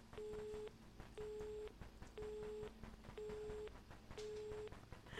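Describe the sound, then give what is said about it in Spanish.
A telephone busy signal after a call is cut off repeats five times in an even on-off rhythm, each steady tone lasting about half a second, over a faint line hum with no voices. “Nadie quiere hablar. Ahí se cortó. Teléfono descompuesto.”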